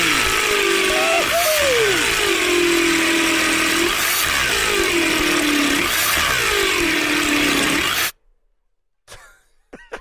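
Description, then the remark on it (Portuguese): A power drill grinds loudly into concrete for about eight seconds, its harsh whine rising and dipping in pitch, then cuts off abruptly, leaving near silence with a few faint clicks. “A furadeira parou tudo aí. A furadeira parou.”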